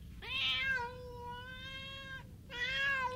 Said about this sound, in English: Poor little kitten. What shall we do?